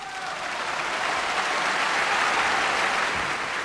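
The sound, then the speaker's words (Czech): A large concert audience applauds steadily during a pause between pieces while the performers bow, a dense, even wash of many hands clapping that holds at a constant loud level throughout, with no one speaking. “Dále se dělají pauzy mezi jednotlivými skladbami hranými na koncertě, během nich se umělci klaní a publikum tleská.”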